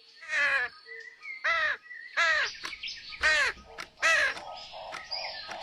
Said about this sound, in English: In front of an alarm clock were a tired-looking mama bird and six squeaky, wiggly, fluffy baby birds, all rolling about and screaming.